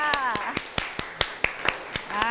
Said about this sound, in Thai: ขอเสียงปรบมือให้เพื่อนด้วยค่ะ